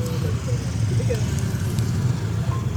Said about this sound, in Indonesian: Untuk lalin padet banget ini Mas Yuda ini. Nah, saat ini kalau katanya Pak Ridwan, kepadatan sudah sampai flyover Kalibanteng yang arah ke Krapyak. Nih situasinya nih.